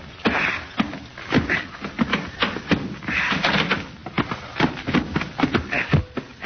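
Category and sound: household object, door being opened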